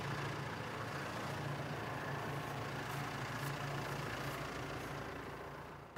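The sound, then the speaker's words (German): A tractor engine idles steadily while stopped on waterlogged ground, a continuous low rumble with a constant hum that holds for several seconds and fades slightly at the end. No one speaks. “Der Boden unter dem Traktor beginnt zu schwimmen.”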